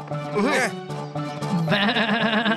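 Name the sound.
goat bleating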